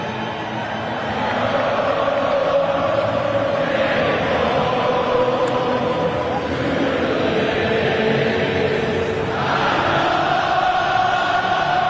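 A huge stadium crowd sings together in unison at the end of a U.S. game after the U.S. beat Australia, a loud, continuous wall of massed voices with a swelling melody that fills the whole stretch.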